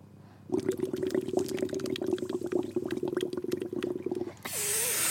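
Continuous gurgling of water bubbling in a bong for about four seconds, with a low droning tone beneath the bubbles, ending in a brief breathy hiss.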